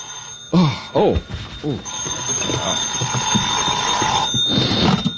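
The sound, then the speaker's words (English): A telephone bell rings in the morning with a continuous metallic trill, fairly loud, while brief bursts of a voice break in near the start. “I guess I was still thinking or dreaming about it when my phone rang the next morning.”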